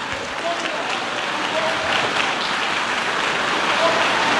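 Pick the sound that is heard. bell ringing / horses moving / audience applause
audience applause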